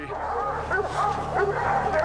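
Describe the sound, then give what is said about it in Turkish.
A pack of hounds bays and barks excitedly, gathered under a tree holding two mountain lions, in overlapping, continuous yelps, with whining mixed in, loud throughout. “Köpekler şu ağacın altına yığıldı.”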